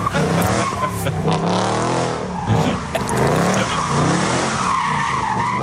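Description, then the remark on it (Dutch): A large silver-grey American car's engine roars continuously while its tires screech and skid in sweeping, wavering squeals, loud, as it tears up a mowed lawn spinning donuts without pause in autumn sun. “Maar ineens verschijnt er van links een grote zilvergrijze Amerikaanse auto die plomp het gras opscheurt en daar donuts begint te draaien.”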